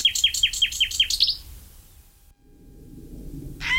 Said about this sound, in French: Par contre, le numéro 9 est migrateur, c'est le rossignol philomèle. Le rossignol, lui, est arrivé d'Afrique début avril et il repartira fin août. Et lui, vraiment un chanteur extraordinaire, lui aussi.